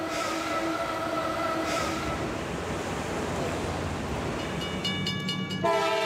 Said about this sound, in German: In den Schleusen ziehen japanische Tidal-Lokomotiven die Riesenschiffe. Oft mehr als 30 täglich. Ausgestattet sind die Loks mit zwei 260 PS starken Motoren und einem Zahnradsystem. Das greift in ein mittleres Gleis und gibt ihnen Halt.